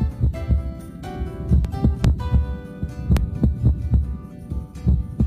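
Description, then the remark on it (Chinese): A close, muffled heartbeat thumps steadily, though a few beats come early and break the rhythm into an uneven lub-dub pattern. No voices are heard. “疑似心跳，可能是心脏早搏。”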